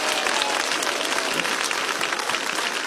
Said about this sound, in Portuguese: Isso, dá uma salva de palmas, vamos lá, bem bonito para Jesus, vamos lá.